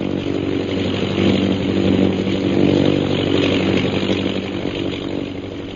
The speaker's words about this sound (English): Meanwhile, far to the south of Bhutan's camp, an airplane carrying Captain Carstairs and Lieutenant Rogers of the Royal Air Force approaches Dumba Pass.